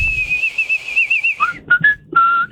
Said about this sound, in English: I think it's whistle. Whistle. Can you whistle? I can. I don't believe you.